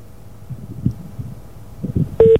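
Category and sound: signal or alarm, telephone call ringing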